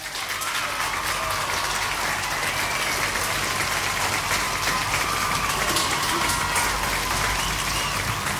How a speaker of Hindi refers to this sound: उन्होंने भी सही जवाब दिया है, तो बाकी सब ने बिल्कुल सही जवाब दिया, इसलिए आपके लिए यहाँ पे भाई स्पेशली बजेंगी तालियां।